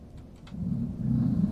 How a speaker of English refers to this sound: Ooh, I'm hearing the revving of engines outside. I wonder if something exciting is going on in the parking lot.